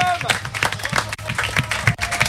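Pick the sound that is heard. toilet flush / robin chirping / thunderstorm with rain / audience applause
audience applause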